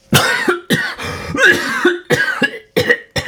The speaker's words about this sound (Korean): 기침이 터져나왔다. 긴 숨과 함께 잔뜩 힘이 들어가 경직되었던 팔다리가 풀어졌다.